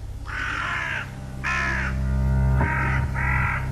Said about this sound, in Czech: A otkuda tolike vrane? Kamo lete? Prema bojnom polju.